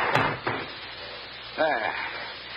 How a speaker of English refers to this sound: And shut the door.